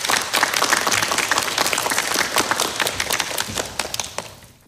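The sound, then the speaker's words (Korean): Sustained audience applause at a KBS forum on gender equality, inclusion and diversity, welcoming the president of the Korean Federation of Science and Technology Societies to give the keynote; dense overlapping claps from many people at steady volume, fading out at the very end. No one speaks over it. “박수로 맞아주시기 바랍니다.”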